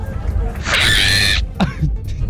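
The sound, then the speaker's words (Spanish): A child imitates a monkey with a loud, shrill, screeching squeal lasting under a second, then a short, lower whooping call. “Y la imitación de mono a mí me sale así.”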